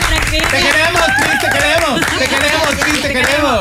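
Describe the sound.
An audience applauds loudly and steadily for several seconds, the dense patter of clapping mixed with overlapping cheers, shouts and chatter from many voices.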